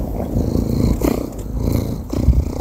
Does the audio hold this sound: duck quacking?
no